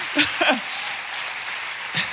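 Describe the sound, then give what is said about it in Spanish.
An audience applauds the Lord during a sermon in a steady, even wash of clapping, with a few short bursts of a voice calling out over it at the start and end. “Si vas a aplaudir, apláudale fuerte al Señor.”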